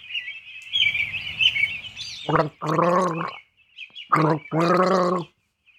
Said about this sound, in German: Jetzt wird gegurgelt und Sie dürfen raten, was es ist.